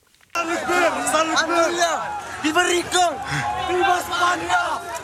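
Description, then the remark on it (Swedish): A large crowd running at full speed toward a hill in the Spanish enclave of Ceuta in North Africa shouts and yells all at once, several jumping over a fence, many overlapping voices rising in a dense, chaotic roar that starts abruptly and stays loud throughout, with excited cries breaking through. “En stor folkmassa springer i full fart mot en kulle i ett videoklipp från nyhetsbyrån Reuters”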